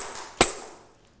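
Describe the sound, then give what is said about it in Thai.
A single sharp tambourine strike, played by a teacher as a rhythm signal for children, its bright jingles ringing and fading over about a second. No other beats follow, and no one speaks. “เครื่องดนตรีชนิดนี้ชื่อว่าอะไรคะ แทมโบรี นอะไรนะคะแทมโบรีนนั่นเองค่ะเดี๋ยวคุณครูนะคะจะให้เสียงสัญญาณจังหวะแบบนี้ค่ะ”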